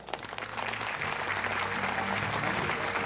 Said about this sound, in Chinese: 我们再度以热烈掌声谢谢前教育部长吴清基博士致贺词。